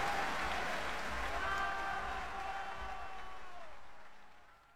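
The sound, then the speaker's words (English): Loud, sustained applause from a large crowd after tenor Luciano Pavarotti sang Nessun Dorma from Puccini's opera Turandot, a dense wash of clapping with faint cheering that holds steady and then begins to fade toward the end. “That's a very appreciative crowd, and I'm sure you recognize that voice.”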